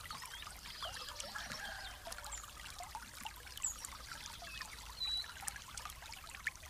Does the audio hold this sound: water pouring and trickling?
yes